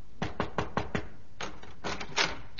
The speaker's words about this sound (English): one night I was in my dressing room changing off the performance when there came a knock at my door.